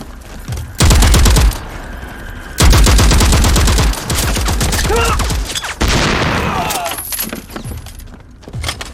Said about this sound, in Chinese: 前方报告，314高地后方大余岭方向传来激烈的枪炮声， 一定是梁晨他们跟敌人打起来了。